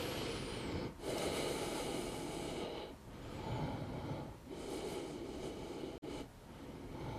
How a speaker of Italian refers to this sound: E sono fermo per 10 respirazioni, mi ascolto.